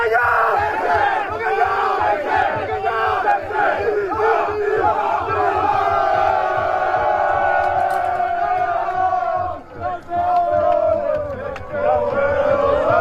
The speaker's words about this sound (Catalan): I qui ja té la Champions al sac, però de waterpolo, és l'Atlètic Barceloneta …. Amb el xiulet final es va desfermar la bogeria i a Malta va sonar el crit de guerra, bacallà sec-sec.